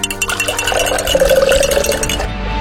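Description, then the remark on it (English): Water pours steadily into a glass to make lemonade in Tucson, the gurgling pitch rising as it fills, with light clinks of glass and no one speaking. “Listo, prepárate una limonada para bajar el calor.”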